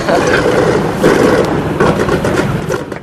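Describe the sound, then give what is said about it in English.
The last B-17 bomber comes in to land, its engines a loud, steady, rumbling drone with a broad roar and slight pulsing swells, and no voices over it. “There it is! The last B-17 comes in.”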